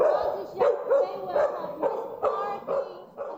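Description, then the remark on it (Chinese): A search and rescue dog barks repeatedly in a quick, steady series of about eight sharp, fairly loud barks over a low background murmur; it barks this way to signal that it has found a trapped person. “我们狗狗的话，其实它没办法跟人对话，所以它遇到受困者的话，它用吠叫的方式表达它已经找到的受困者。”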